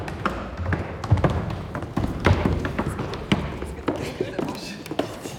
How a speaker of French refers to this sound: Les musiciens bougent les chaises.